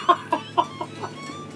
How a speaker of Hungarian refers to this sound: Sose dugdossa Kend azokat a csirkéket a kotló alá, majd ha a kotló héját lát, dugdossás nélkül is maga alá veszi őket.